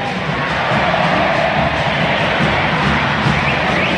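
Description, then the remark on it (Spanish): A large stadium crowd of Argentine fans at the Monumental chants in unison for Argentina on a Saturday night before a match against Burkina Faso, a loud, dense, unbroken roar of many voices that holds steady for about four seconds with no single speaker standing out. “escuchen, esta es la banda sonora del sábado por la noche, este es del público compatriota que grita por Argentina.”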